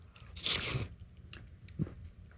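A wet slurp of broccoli cheddar soup followed by quieter mouth and eating sounds, with a second short slurp near the end; no one speaks.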